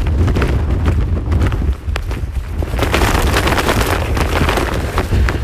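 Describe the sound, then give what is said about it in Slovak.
Strong wind of near-gale force buffets the microphone while a jacket hood flaps and snaps rapidly and irregularly, a loud, continuous roar with sharp fluttering bursts and no voices, on a mountain hiking trail descending from a saddle. “Toto robí vietor s mojou kapucňou.”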